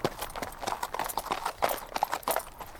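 Horse hooves clip-clop in a steady, quick rhythm, a continuous run of hard hoofbeats, moderately loud, with no one speaking; a person is riding the horse.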